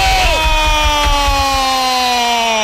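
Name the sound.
stadium crowd cheering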